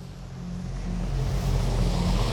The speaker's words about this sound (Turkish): Şu karşıdan arabalar geliyor. Sadece bu taraf tıkandı.